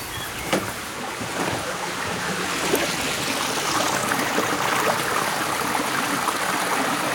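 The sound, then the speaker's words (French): A babbling stream in a small natural spot near a workplace flows steadily, its bright, continuous rushing and gurgling filling the whole recording at an even loudness, with no voices. “Donc d'avoir ce petit espace tout près finalement de mon lieu de travail, mais en même temps où on entend le ruisseau.”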